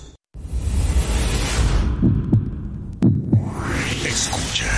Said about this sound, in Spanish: Escucha. Son los latidos de tu corazón.